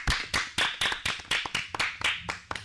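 A short burst of applause in a steady, even rhythm, about ten sharp claps in quick succession, close and fairly loud, with no talking.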